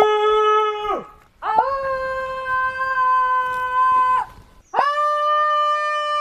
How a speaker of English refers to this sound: shouting into the woods will give me balance, help me recenter. Ooh, you hear that? Everyone's determined to have a go.